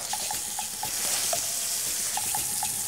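A pike-perch (zander) fillet fries in a pan with butter, garlic and thyme, giving a steady, bright hissing sizzle that never lets up, dotted with small pops and a few light metallic clicks. No one speaks.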